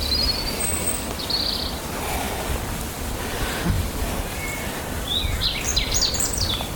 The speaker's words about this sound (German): Wir dürfen auch den Vögeln lauschen.